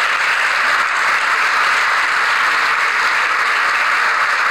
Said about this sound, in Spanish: Bueno, ahí está el aplauso